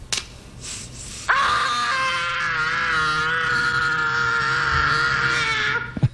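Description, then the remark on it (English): A boy in a movie, identified as Macaulay Culkin, lets out one long, piercing scream that bursts in suddenly after a quieter start and holds loud and steady for several seconds before cutting off. “Are you ready for Name That Scream?”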